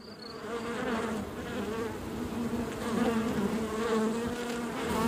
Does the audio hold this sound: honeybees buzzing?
yes